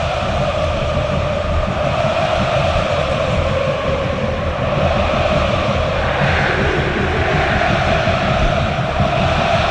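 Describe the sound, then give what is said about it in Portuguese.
A large football crowd of Vitória and Fortaleza fans sings and chants together at the Barradão stadium before a match, in a loud, continuous roar, with massed voices blending into a steady wall of sound and no single speaker standing out. “Torcedor do Vitória canta, o torcedor do Fortaleza também.”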